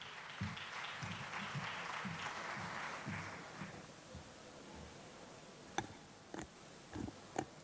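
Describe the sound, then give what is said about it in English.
An audience claps steadily to welcome the morning's moderator, Vivian Onano, in a dense burst of applause that gradually thins out, leaving a few scattered sharp claps and faint shuffling toward the end. “Let's put our hands together as we welcome Vivian Onano, our moderator this morning. A good clap for her, please.”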